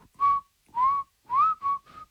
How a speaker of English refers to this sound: The last time I was going to do this, I was going to whistle it, but I had my phone too far away so you couldn't hear it.